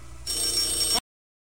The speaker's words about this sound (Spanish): ¡Contesta el teléfono!